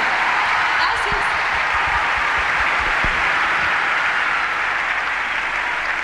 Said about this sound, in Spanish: Fuerte aplauso.